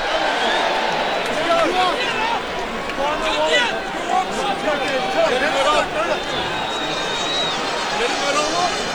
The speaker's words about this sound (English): Sold out crowd here in Baltimore.